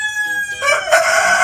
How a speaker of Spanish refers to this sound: Sí, hombre, estos son gallos. Sí, no son personas, son gallos. Pero están concursando en algo. Están concursando.